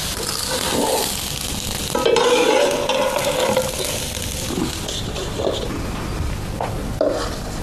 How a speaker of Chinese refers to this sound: 玉米面与温水调成面糊，用平底锅盘成薄饼。山野菜与韭菜调成素馅儿，均匀平摊在薄饼上，用小火慢慢煎熟。